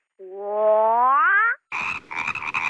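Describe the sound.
A frog croaking sound effect in a child's joke on France Inter's La boîte à blagues: one loud, long, drawn-out croak rising in pitch, then a short pause and a rough, buzzing run of quicker croaks.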